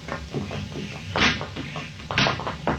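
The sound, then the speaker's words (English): A door in a sheriff's office opens and then shuts, with two distinct wooden bumps about a second apart, over a low steady rumble. “right behind this door.”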